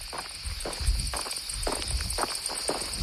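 Cicadas buzz steadily in a dense high-pitched drone while a hiker's footsteps crunch along a trail at a regular walking pace. No one speaks.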